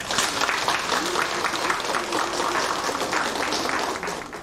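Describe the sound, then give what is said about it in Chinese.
An audience applauds to welcome a speaker onto the stage, in a steady, dense wash of many hands clapping, holding at an even loudness for several seconds before easing off slightly at the end. “那么现在呢，我们掌声有请阿伦老师登台。”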